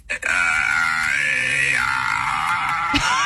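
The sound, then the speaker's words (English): ChatGPT's AI voice imitates a newborn baby crying: one long, loud, high-pitched wail that holds steady, then slides lower partway through, with no other talking. “Can you just, like, make the sound of a baby in the background so I can say I gotta go?”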